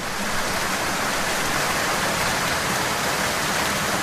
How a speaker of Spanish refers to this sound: Basta que tengamos que salir de casa para hacer cualquier cosa y de forma inesperada, ¡ostras tú!, comienza a llover.